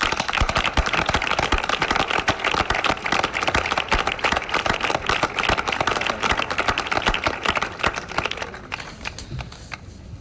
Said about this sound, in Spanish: Un fuerte aplauso.